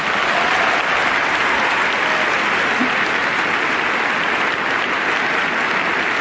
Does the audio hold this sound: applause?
yes